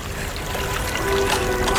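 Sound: river water flowing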